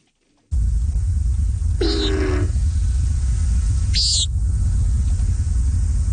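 Two short, buzzy, nasal calls of a common nighthawk about two seconds apart, the first with a deeper whooshing edge like the wing boom it makes with its feathers, over a constant low rumbling background.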